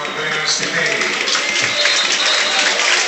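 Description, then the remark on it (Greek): A football stadium crowd applauding Panathinaikos forward Tetteh as he is substituted off for Pantović, a dense, steady wash of clapping and crowd noise at a fairly loud, even level for a few seconds. “Τετέι χειροκροτείται.”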